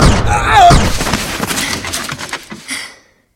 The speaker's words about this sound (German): Hoffentlich hat der andere Kerl den Schuss nicht gehört.